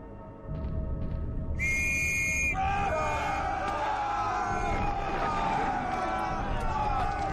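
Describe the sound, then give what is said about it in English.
A single sharp, shrill officer's whistle blast signals the attack, then gives way to a loud, continuous roar of many shouting voices and rumbling battlefield noise as soldiers advance toward German defences. “On my whistle!”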